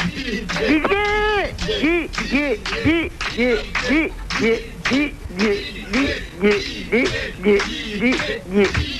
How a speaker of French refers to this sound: Si vous m'entendez, écoutez le public qui crie mon prénom.